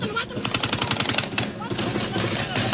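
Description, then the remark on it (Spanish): Rapid bursts of automatic gunfire crackle in quick succession, loud, with a dense rattle continuing throughout and indistinct voices mixed in underneath. “Todas las noches, no hay una noche que no haya drones, balazos y todo eso.”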